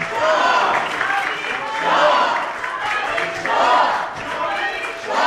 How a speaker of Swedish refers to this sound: Nu reser sig alla riksdagsmöter upp och applåderar de som är här och har fått sitt plats.